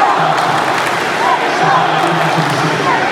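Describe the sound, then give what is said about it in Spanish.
A large crowd of Mexico fans in Dallas celebrating during the World Cup shouts and cheers in a dense, steady roar of many overlapping voices, with a few higher calls rising briefly above the loud, unbroken din. “Los gritos son por su país.”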